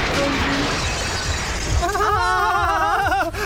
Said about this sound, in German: Entschuldigung! Oh ja, ne? Schon gut, ne? Scherben bringen Glück, ne?